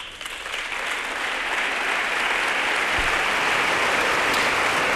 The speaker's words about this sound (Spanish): Bueno, la primera ovación de la mañana, ¿no?, para Isidoro Cabero, una persona con mucho peso, muy reconocido en la ciudad de Cuenca, que pertenece al ayuntamiento y que, bueno, le ha dado vida a ese balonmano ciudad encantada de Cuenca.